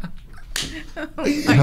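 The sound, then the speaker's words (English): A single sharp hand clap from someone in the back, the clap they make when laughing with excitement, cracks out loud and bright, followed by excited laughter and voices. “If you hear that one clap in the back, that's what I do when I get laughing excited.”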